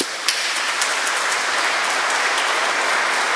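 An audience applauds steadily, many hands clapping in a dense, even wash of sound that stays loud throughout, with no voices heard.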